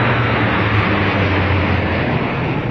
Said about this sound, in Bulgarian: Изтребители оглушиха небето над столицата.